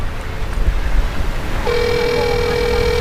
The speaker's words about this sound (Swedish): Vi ringer på porttelefonen till Aarons föräldrars bostad i Sverige. Ingen öppnar.